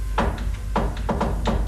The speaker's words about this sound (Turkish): O sırada emirin güvenilir adamı Şerif gizlice saraydan çıkıyor, ara sokaklardan kimseye görünmeden liman yakınındaki bir eve varıp kapıyı tıklatıyordu.